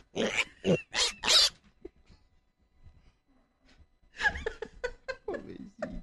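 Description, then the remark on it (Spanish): Loud snoring from a sleeping small boy in a few rough, rasping bursts, then a quieter pause before another run of throaty snorts and grunting breaths. “¿Ya está roncando? Sí, está roncando, bien.”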